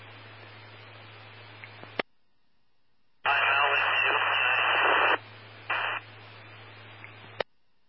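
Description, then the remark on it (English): Radio scanner static hisses in bursts at night: a low hum and faint crackle, a sharp click and silence, then a loud wash of static that cuts out, briefly returns, and ends with another click. “there was lots of static tonight.”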